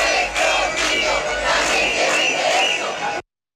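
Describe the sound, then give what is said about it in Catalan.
A crowd of about five hundred street protesters, demanding that migrants leave and calling for safety for children, shouts and chants together in loud, rhythmic bursts, voices massed into a dense roar with repeated rising surges, then it cuts off abruptly. “mig miler de persones han tornat a sortir al carrer per exigir que se'n vagin els migrants”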